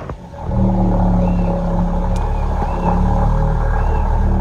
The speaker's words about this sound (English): It is an eerie noise which has perplexed and unsettled lighthouse keepers and fishers out at sea. It sometimes sounded like a rumble, a vibration, sometimes like the distant whir of a machine.